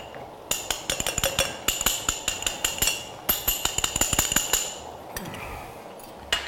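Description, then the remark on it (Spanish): A spoon clinks rapidly against a glass while stirring cornstarch into about 120-130 millilitres of cold water, a fast run of bright metallic taps with a brief pause midway, then a few softer scrapes at the end. “Con una cuchara removemos la maicena. La maicena siempre con agua fría.”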